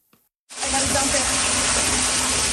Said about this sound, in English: The water came from everywhere, a back-to-back deluge in the Niagara region, dropping an astounding amount of rain.